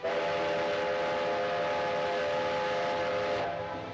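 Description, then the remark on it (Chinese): A steam train rolls along the tracks with a steady hissing rumble and a long sustained whistle tone, loud, easing off slightly near the end, as railway service resumes and crates of oracle bones are carried toward Nanjing. “铁路恢复运行，甲骨箱也被装车运往南京。”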